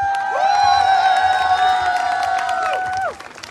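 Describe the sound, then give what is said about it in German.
Crowd applause and cheering for schoolgirls who spontaneously organized the gathering, with scattered clapping beneath a loud, steady high-pitched whistle-like tone that holds for about three seconds before cutting off. “Also wirklich ein Applaus an euch.”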